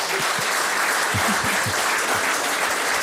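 Steady audience applause fills the whole stretch, a dense wash of many hands clapping at once, fairly loud, with a few faint low thumps beneath it.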